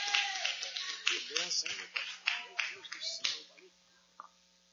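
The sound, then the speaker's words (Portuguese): A crowd applauds for Jesus as a pastor is welcomed to lead a prayer, with dense, steady clapping mixed with voices calling out, then the applause fades away leaving a single last clap near the end. “Receba o homem de Deus, irmãos, com muita honra, muita alegria, muita felicidade e aplausos para Jesus, irmãos.”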